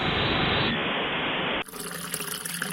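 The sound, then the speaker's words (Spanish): A steady hiss of tap water pours for about a second and a half, then cuts to a brighter, splashier wash of water that continues to the end, with no voices. “Hoy sí cerré la llave mientras me cepillaba los dientes y utilicé un vaso de agua para evitar desperdiciarla.”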